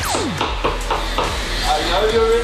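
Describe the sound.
Someone bangs on a door with a quick run of about six or seven loud, even thumps, while muffled voices and a brief rising-pitched tone carry on underneath toward the end.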